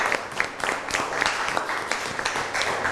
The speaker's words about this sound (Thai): ขอเสียงปรบมือให้เพื่อนกลุ่มที่หนึ่งหน่อยครับ